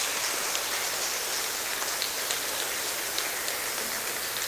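An audience applauds in a dense, steady wash of clapping that holds at an even loudness for several seconds, with no voices standing out above it.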